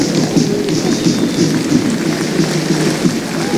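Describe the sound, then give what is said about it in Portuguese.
An Azorean football stadium crowd applauds during a Santa Clara substitution in a steady, dense wash of clapping that holds at an even loudness throughout, with no voices standing out. “Aplausos do público açoriano.”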